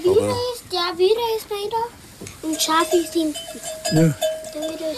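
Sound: sheep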